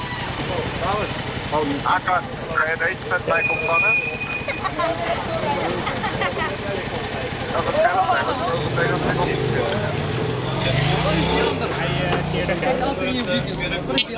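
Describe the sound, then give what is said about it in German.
Steady street traffic at an intersection in Amsterdam-West during a police traffic check, with idling engines and low motor rumble, a vehicle pulling away near the end, while people talk over the constant background noise. “Verkehrskontrolle an einer Kreuzung in Amsterdam-West.”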